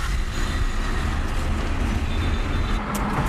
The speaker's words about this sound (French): Oui, sur la route, il y en a beaucoup de monde, mais j'ai l'habitude. Il faut être prudent. Hein. C'est ça l'important. Et maintenant, tout le monde rentre en scooter parce que avec des embouteillages.